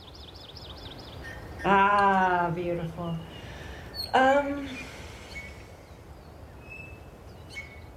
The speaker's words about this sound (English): Anyway, I hope you enjoyed those Hawaiian Birds and Doves. Maybe we can hear a little more of them. Let's bring back the Hawaiian Birds and Doves, please.